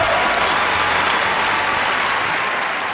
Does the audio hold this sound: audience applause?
yes